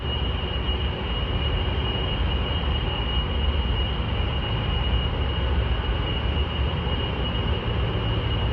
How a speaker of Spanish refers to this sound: ¿Lo oyen? Es el zumbido incesante día y noche de los sistemas de refrigeración de un complejo del norte de Virginia, estado por donde circula casi un tercio del tráfico mundial de Internet.